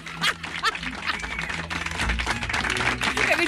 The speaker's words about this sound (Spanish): Un aplauso, un aplauso, un aplauso, bien.